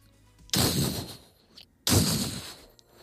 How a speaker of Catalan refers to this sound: Això són els passos. No, i trepitja fort.